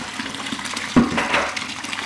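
Freshly pressed raw apple juice (råmost) streams steadily from a spout into a glass, a continuous splashing pour lasting about two seconds with a brief louder gurgle midway. No one speaks.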